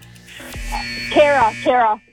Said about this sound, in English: And you're out of time. Carer, personal carer. I know you said, I got the answer, but you're out on the buzzer.